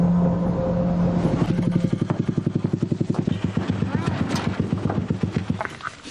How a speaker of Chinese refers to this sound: 骑着三轮摩托车驶向那片布下渔网的冰面。